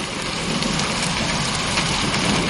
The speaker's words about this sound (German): Jetzt fängt es auch noch an zu regnen.